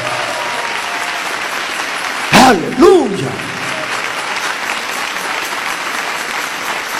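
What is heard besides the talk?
audience applauding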